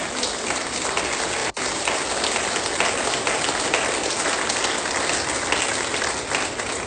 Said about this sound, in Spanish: Y todos vamos a soltar un fuerte aplauso por esta palabra.